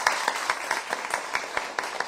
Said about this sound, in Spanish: En nombre de mi familia, de mi madre, un aplauso fuerte para ellos.